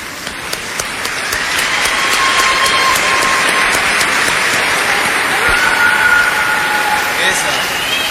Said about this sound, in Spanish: Fuertes esos aplausos, amigos.